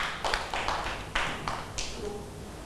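A handful of children in a classroom clapping for a classmate, scattered and uneven rather than in unison: several sharp, moderately loud claps spread over a few seconds, with a faint murmur of the classroom behind them.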